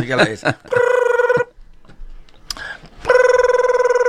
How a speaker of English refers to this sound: Is your significant other at home? Yeah. Okay, let me just phone him up.